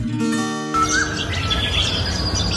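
A brief sustained tone gives way to a lively chorus of bird calls and quick chirps, several birds overlapping against a steady hissy outdoor background, fairly loud.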